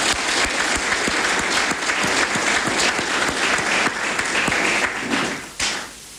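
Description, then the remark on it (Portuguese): Sustained audience applause, a dense wash of many hands clapping at steady volume for several seconds, then tapering off near the end with a brief final burst, given in thanks to the project's partner organisations. “A cada uma delas, o nosso muito obrigado por terem acreditado e confiado em nós e também uma salva de palmas.”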